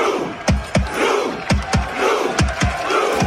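Hundreds of Norwegian football fans sitting in the streets during the World Cup chant in unison, miming Vikings rowing a drakkar: rhythmic shouted grunts landing in pairs roughly every second, with a continuous roar of crowd noise underneath.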